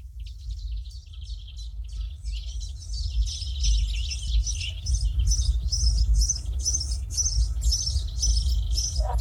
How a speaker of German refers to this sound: die Vögel werden wach.